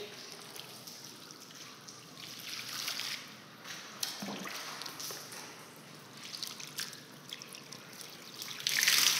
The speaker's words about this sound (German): Auf dem Bauch liegt bitte, Kopf hier. So, jetzt wird erst mit dem Wasser gegossen.